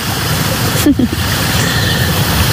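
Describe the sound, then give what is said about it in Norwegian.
Cold, clean spring water trickles and gurgles steadily out between stones and green moss, a continuous wash of sound, with a brief murmur of a voice partway through. “Det ingenting over, og så plutselig så bare kommer det ut og pipler fram mellom steiner og mellom det grønn mos akkurat.”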